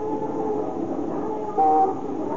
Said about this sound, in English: Even in the sound, the wild cacophony of horns and motors and the clanging streetcar bells, interspersed with the clop of horses' hooves or the creaky rumble of an ox-drawn cart.